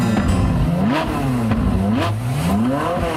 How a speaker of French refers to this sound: Un vrai farfelu, un type mal léché qui arrivait toujours en retard au studio et fonçait dans Paris à toute allure au volant d'une voiture de sport.